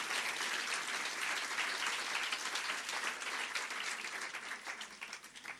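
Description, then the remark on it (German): A crowd claps steadily in dense, continuous applause for a poetry slam performer from Kiel. The applause stays loud throughout, tapering slightly at the end, with no voices over it. “Applaus für den Slammer aus Kiel.”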